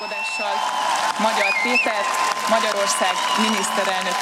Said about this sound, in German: Jubel brandete im und vor dem Parlament auf, als die neue Parlamentspräsidentin Mitte Nachmittag verkündete, Peter Magyar sei der neue Ministerpräsident.